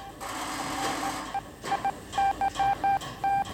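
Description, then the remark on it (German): Telephone dialing tones in a police headquarters telephone exchange: a steady tone with background hiss, then a rapid run of short, evenly spaced electronic beeps, fairly loud, with no voices. “Telefon, Fernschreiber und Polizeifunk haben den Wettlauf mit der Zeit aufgenommen.”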